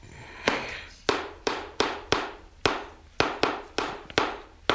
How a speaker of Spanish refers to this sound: Dio unos martillazos.